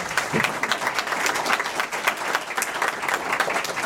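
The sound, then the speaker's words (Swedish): An audience applauds steadily for a few seconds, a dense, fairly loud patter of many hands clapping with no voices over it. “Där var den minuten slut och jag tycker vi ger alla en applåd.”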